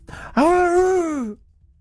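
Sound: dog vocalizing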